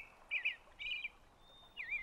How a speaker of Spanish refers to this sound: La canción del tordo era como primavera, su significado.